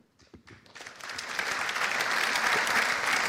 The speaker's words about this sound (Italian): mi sembra di capire che gli applausi saranno tanti.